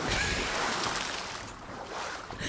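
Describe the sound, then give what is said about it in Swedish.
A loud splash of a man cannonballing into the sea, heard as a sustained rush of churning water that fades slightly then swells again, with no voices. “Ja, men finns det något finare än att höra ett plask?”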